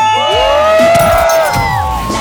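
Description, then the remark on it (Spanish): A group of voices on the Mexican radio station La Que Buena 97.1 shouts and cheers together in one loud, sustained burst, with overlapping whoops and yells rising and falling before trailing off. “Oigan, ayúdenme a gritar.”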